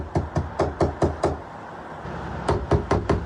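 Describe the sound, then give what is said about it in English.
Sharp knocks by a man on a hotel room door: a quick run of six raps, a short pause, then four more, loud with no voices. “Not long afterwards, I heard him knocking at the door.”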